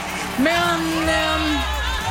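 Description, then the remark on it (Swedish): A crowd in Austria cheers in a steady, dense roar for Israel's Noam Beitan as he leaves the stage, with one sustained rising whoop held above the noise for about a second. “Men mest jubel verkar det vara just nu för Israels Noam Beitan som lämnar scenen.”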